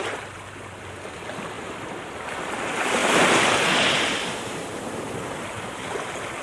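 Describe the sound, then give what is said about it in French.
Ocean waves surge in a broad, hissing wash that swells to a louder crest midway through before easing back into steady churning surf, with a low rumble underneath and no voices. “Les vagues ont déjà submergé le nid.”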